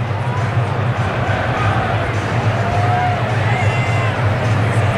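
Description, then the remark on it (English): A large Friday night crowd at Great American Ballpark, including many Braves fans, murmurs steadily, a dense, even wash of chatter and bustle that holds at a constant level throughout, with no single voice standing out. “Great American Ballpark, got a pretty good Friday night crowd.”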